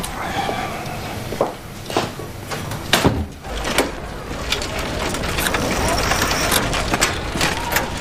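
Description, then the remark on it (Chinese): Folding chairs clack and scrape as they are collapsed and stacked away, several sharp knocks at irregular intervals, with faint indistinct voices in the background. “把这是给我收了啊，椅子你看看啊。”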